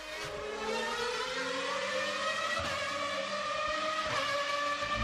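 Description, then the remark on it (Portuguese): Formula 1 race cars at the Zandvoort circuit in the Netherlands scream at full revs in a steady, sustained, high-pitched wail, the pitch holding and rising slightly as they accelerate, loud with no voices. “E xa que estamos co mundo do motor, Fórmula 1, que houve Fórmula 1 nos Países Baixos, no circuito de Zandvoort.”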